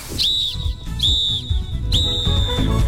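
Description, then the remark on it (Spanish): A football referee's final whistle blows three shrill, high-pitched blasts in quick succession, the second and third held a little longer, over a steady low rumble of background noise. “No espere para nada el pitazo final, no, señor.”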